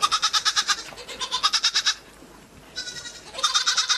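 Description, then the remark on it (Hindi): A goat bleats several times, each call a loud, wavering, tremulous cry, with brief pauses between them and no voices; a neighbour's goat grazing on a small patch of land in front of a house. “उसके मकान के सामने थोड़ी सी जमीन पड़ी हुई थी, पड़ोस के किसी आदमी की एक बकरी उसमें आकर चरा करती थी। इस समय भी वो चर रही थी।”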